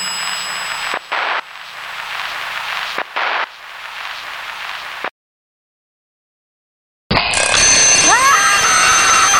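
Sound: alarm clock bell ringing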